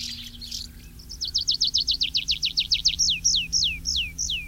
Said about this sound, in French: Tiens, voilà un oiseau qu'on ne voit qu'en été aussi, comme les hirondelles, c'est le pipit des arbres, qui fréquente les forêts claires, qu'on va poser sur des arbres, s'envoler et redescendre en faisant son vol en parachute.